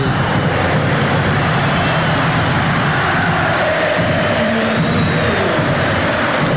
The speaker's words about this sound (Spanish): Viene Méndez, que se va a ir Vidal para los aplausos. Escuchemos, ovación para Vidal.